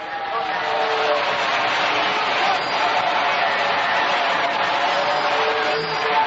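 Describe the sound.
An audience applauds as an ovation for Jesus Christ in a steady, dense wash of clapping that holds at an even, loud level for the whole stretch, with crowd voices blending into the noise.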